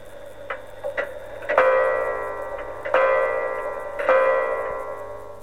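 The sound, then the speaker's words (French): A clock strikes three o'clock, chiming three times at an even pace, each ringing, bell-like strike left to fade before the next, preceded by a couple of soft mechanical clicks. “Et l'horloge sonna 3 coups.”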